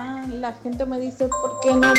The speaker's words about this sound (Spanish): Se escucha el timbre del celular. Ah, se escucha el timbre del celular.